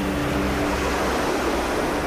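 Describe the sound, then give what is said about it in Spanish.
Steady surf washes in with a broad, continuous rushing hiss and a low rumble underneath, the sound of waves breaking on a shore. No voices are present. “El mar vuelve a llamar.”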